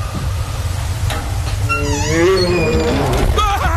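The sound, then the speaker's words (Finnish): A loud bear growl rises into a drawn-out, wavering roar with shifting tonal howls, over a constant low rumbling background; no one speaks. “Karhu!”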